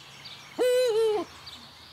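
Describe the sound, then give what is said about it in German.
A single loud eagle owl hoot, a clear, tonal call lasting just over half a second, rising slightly and then falling away, heard alone against quiet outdoor background noise. “Hoffen wir also im nächsten Jahr wieder auf Uhu-Nachwuchs.”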